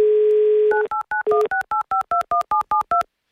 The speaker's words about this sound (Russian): Набрали его номер телефона.